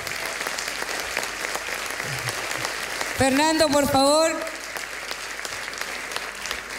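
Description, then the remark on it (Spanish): Steady applause from an audience at a stage show fills the whole stretch, dense and continuous, while a man's voice rises over it briefly near the middle, urging the crowd to join in and clap louder. “Súmense, súmense, súmense. Ahí está. Más fuerte ese aplauso, pues.”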